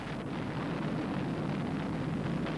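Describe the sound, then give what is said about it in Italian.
A deep, continuous roar of the 1945 Little Boy atomic bomb exploding over a city rumbles steadily throughout, loud and dense with no distinct onset, a sustained thunderous rumble audible 40 kilometres from the city, with no voices. “Solo a 40 chilometri dalla città fu possibile udire il boato dell'esplosione, che per quelli più vicini si trasformò in silenzio.”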